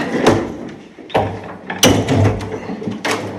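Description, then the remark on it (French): Heavy metal window shutters in a corridor are pushed open to let in natural light, with several sharp clanks and scraping thuds, loud, spread across a few seconds. “Donc si la fenêtre, les volets un peu, mais bon c'est du métal, c'est normal, si la fenêtre grince pas trop, c'est grâce à vous, c'est ça ?”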